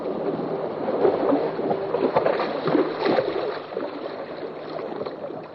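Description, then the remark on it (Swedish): Water laps and sloshes steadily around the sailing boat Elida, out sailing with confirmation students. The wash is continuous, with small splashes and some wind rumble, slightly muffled and thin in tone, with no voices. “Nu är jag ute och seglar med konfirmander.”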